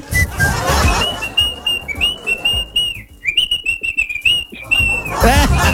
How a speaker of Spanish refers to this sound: ¿Y de quién es ese silbato? ¿De quién es ese silbato?